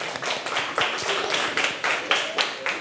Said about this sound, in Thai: ดีมากสุดยอดเอาปรบมือให้เพื่อนเลยครับ